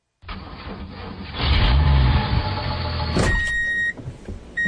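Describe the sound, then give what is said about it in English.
The heavy diesel engine of heavy equipment rumbles, its low-frequency roar swelling as it revs up, then settling into a steady running drone with a brief mechanical whine near the end. “You hear the diesel.”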